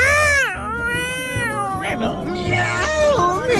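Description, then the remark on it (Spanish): A human voice imitates a cat howling, drawn-out wavering yowls with sliding pitch, loud, running continuously for a few seconds with no other talk. “Más o menos como el aullido de un gato.”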